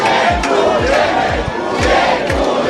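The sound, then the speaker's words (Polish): A loud crowd of sports fans cheers and chants at an airport as they wait for their team to arrive. Deep drum-like thumps land in a steady beat beneath the continuous roar of voices. “Na lotnisku z kibicami rozmawiał nasz reporter”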